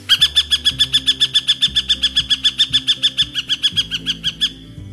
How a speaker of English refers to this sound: The northern harrier is not considered to be a vocal bird, usually only sounding off during mating season or when a predator is raiding a nest.